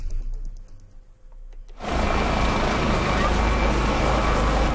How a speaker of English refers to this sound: Rescuers continue to use helicopters to lift flood survivors to safety after this week's devastating flood tore through a mountainous region on the Nepal-Tibet border.